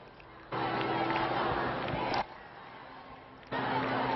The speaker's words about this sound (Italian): La seconda giornata della visita di Papa Leone in Spagna. Grande entusiasmo da parte della folla di fedeli.